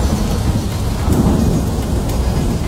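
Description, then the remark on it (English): A steady wash of heavy rain with deep, rolling thunder rumbling underneath, a loud and continuous storm with no voices present. “When summer storms roll in, power outages can happen without warning.”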